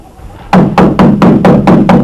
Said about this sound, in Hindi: अरे बंद बंद, दरवाजे मत तोड़िए। जरा दरवाजा तो खोलिए।